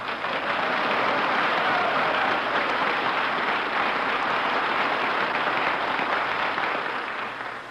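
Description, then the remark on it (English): A large audience applauds steadily as Dennis greets Mr. Benny, a dense, even wash of clapping that holds at full strength for several seconds before easing slightly at the end. “Gee, was that applause for me?”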